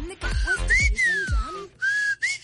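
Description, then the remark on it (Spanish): A person whistles a short tune, with clear sliding notes that rise and fall, over a few heavy, evenly spaced low thumps. “Ah, este chiflido te referías, apenas la capié.”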